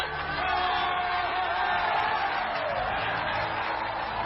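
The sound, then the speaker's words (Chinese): A large crowd in a square roars a thunderous answer in unison, many voices shouting and cheering together in a loud, sustained wash of sound that holds steady for several seconds. “何基峰的话音刚落，广场上立时响起了震天动地的回答。”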